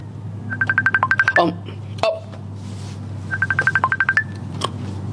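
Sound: mobile phone ringing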